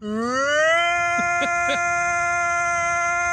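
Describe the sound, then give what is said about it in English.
A voice imitates a tornado siren with one loud, sustained wail that climbs in pitch during the first second, then holds a steady, buzzy high tone, with a few brief wavers midway. “Just beware, that's not a real tornado siren.”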